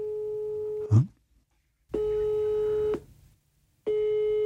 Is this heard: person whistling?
no